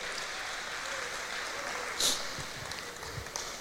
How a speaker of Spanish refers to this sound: ¿Cuánto le da fuerte aplauso al Señor esta noche? Dele más fuerte ese aplauso al Señor.